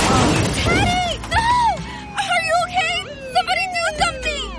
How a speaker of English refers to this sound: Was this young man hit by a car? Yes, and his helmet is smashed. It's a brand new helmet. It's probably a fake.